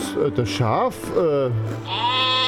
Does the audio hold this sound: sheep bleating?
yes